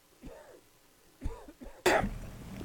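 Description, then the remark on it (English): A man coughs heavily in several harsh, chesty bursts, building to a loud, raspy final cough. “I don't think you're going to the hospital. You're coughing up a lung over here.”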